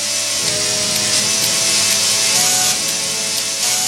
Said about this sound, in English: it sounds great even when played by an orchestra of chainsaws, as you're hearing right now.